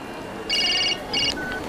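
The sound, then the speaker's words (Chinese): A phone ringtone chirps in two short bursts of rapid, warbling high electronic tones, clear above a low background hum. “我得接个电话了。”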